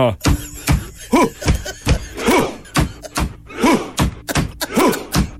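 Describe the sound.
Loud, booming drum beats strike in a steady rhythm, joined every few beats by a crowd's short, rising chant-like shouts in a Viking-style thunderclap, performed in a sports stadium with a drum while mimicking rowing.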